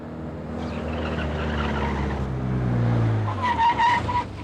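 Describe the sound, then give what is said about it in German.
A fast red car with a tuned engine, going over 140 and heading out of town, roars with a deep, strained engine note that climbs steadily, then tires squeal in short, sharp bursts near the end. No voices. “Der Wagen hat anscheinend einen frisierten Motor. Tempo über 140, Farbe rot, Kennzeichen 2x Heinrich, Heinrich Siegfried 945.”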